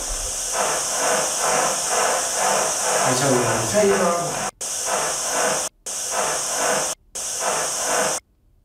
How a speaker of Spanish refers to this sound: Simplemente estáis aquí, y eso que se oye fu, esas sean esas olas que se escuchan, son muy típicas de frecuencias vacías en la radio.